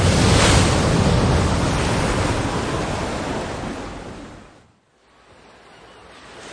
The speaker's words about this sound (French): Un orage éclate, tu es projeté hors du bateau, tu essaies de nager, mais les vagues gigantesques t'avalent.